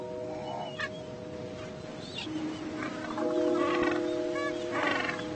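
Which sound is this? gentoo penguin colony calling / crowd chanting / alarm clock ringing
gentoo penguin colony calling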